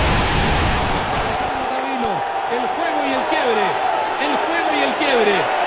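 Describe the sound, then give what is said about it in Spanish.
A tennis crowd gives a loud, sustained ovation for the player Alejandro, with Chile leading 6-5: steady applause and cheering with rising and falling shouts and whoops cutting through the roar, holding strong for several seconds. “Para Alejandro, que jugó realmente espectacular, y esa ovación de la gente, premio más que merecido para Alejandro y también para el Nico Mazú que lo dirige.”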